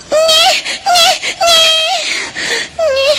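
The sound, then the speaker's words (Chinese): A startled baby wails in a series of loud, high, strained cries, each sob rising and falling in pitch, with short gasping breaks between them. “你大大的把俺家娃娃吓了一小跳啊！”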